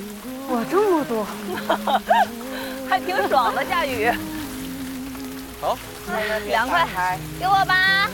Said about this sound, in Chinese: 哇，这么多，还挺爽的，下雨。